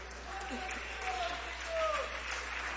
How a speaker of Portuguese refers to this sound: Isso, pode aplaudir o nome de Jesus, pode.